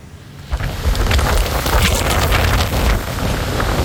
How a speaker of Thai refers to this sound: นี่เป็นบรรยากาศในเมืองฮุ่ยโจวมณฑลกวางตุ้งของจีนเมื่อช่วงเช้ามืดวันนี้นะคะที่ต้องเผชิญกับฝนตกหนักและลมกระโชกแรงทั่วบริเวณ